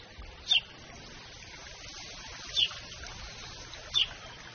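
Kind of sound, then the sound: bird, sparrows chirping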